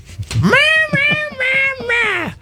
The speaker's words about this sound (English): Yeah, right? That's your cat Shivers.